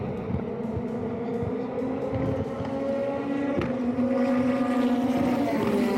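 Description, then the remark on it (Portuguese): A loud, continuous Stock Car race car engine roar with a steady droning pitch that shifts slightly midway, sustained for the whole stretch with no talking. “Cadê o barulho de novo, por gentileza? Aquele sonzão que nós estávamos mostrando aqui.”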